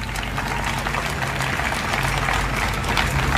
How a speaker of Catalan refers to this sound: Gràcies, Ignasi, una vegada més per fer del nostre programa de festes una peça de museu. Un aplaudiment per a Ignasi Blanc.